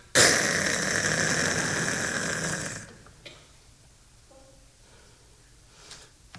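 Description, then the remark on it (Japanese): A voice imitates a snore: one long, loud, rasping breath that lasts a few seconds, then cuts off into near silence with only faint rustles. “かしら、いびきかいて寝てもたで。”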